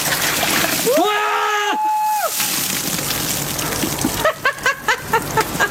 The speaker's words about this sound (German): Ja, können Sie sich erinnern, die Ice Bucket Challenge, wo man sich gegenseitig Kübel mit eiskaltem Wasser über den Kopf geschüttet hat